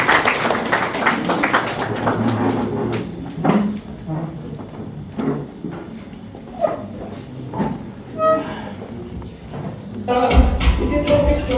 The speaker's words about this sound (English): Please may we clap for her, she comes to do this.